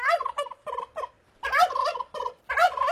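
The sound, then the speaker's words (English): A turkey gobbles in repeated rapid, warbling bursts, loud, with short pauses between calls and no talking. “Let's talk turkeys.”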